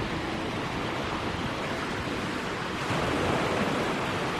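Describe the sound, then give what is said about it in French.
Surf breaking on a beach roars in a steady, full-bodied wash, swelling slightly louder toward the end, with no voices and no distinct individual wave breaks standing out. “La nuit, il faisait bon écouter le ressac à l'abri des murs de granit.”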